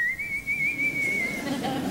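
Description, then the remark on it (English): A person whistles a single steady, fairly high note held for over a second, then it fades, followed by faint low murmuring in the background. “The louder you whistle, the further the boogeymen stayed away. No tune, just”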